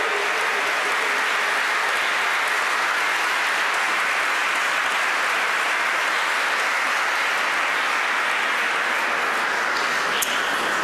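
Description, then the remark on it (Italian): Steady, sustained applause from a large audience for the very young Outing Girls Choir from Hungary, a dense crackle of many hands clapping at an even level throughout, with no voices over it. “Facciamolo ancora, va un bel applauso alle giovanissime Outing Girls Choir, la corale dell'Ungheria.”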